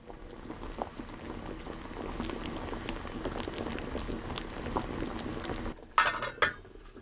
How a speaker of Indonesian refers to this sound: Berikutnya kita didihkan potongan yang telah direndam tadi. Masukkan ubi ke dalam panci, tambahkan air hangat secukupnya untuk merendam potongan ubi, kemudian didihkan di atas api sedang.